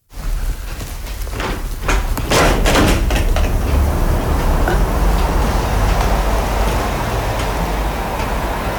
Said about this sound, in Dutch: Wat hoort u nu? Ja, auto's rijden. En continu, hè? Bewoners horen een constant ruis door al het langsrazende verkeer.